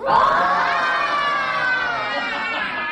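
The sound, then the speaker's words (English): A group of students roar together like wild things with claws out during an interactive reading by a former president, a loud, sustained, high-pitched chorus of shouting voices that holds steady for about three seconds. “Eliciting the kids to roar like a wild thing with claws out.”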